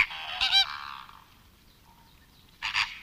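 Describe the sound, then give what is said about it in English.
Loud, nasal honking calls from a flamingo flock, a dense burst at the start fading out, then another sharp honking outburst near the end, with no talking. “But I heard them making noises a lot, and it's crazy how loud they can be.”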